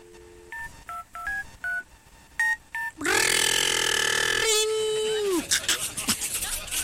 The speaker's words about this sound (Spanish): El padre agarró el teléfono y le marcó al jefe de la policía.